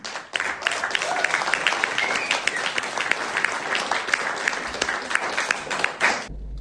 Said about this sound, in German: Noch mehr Applaus auch für ihn.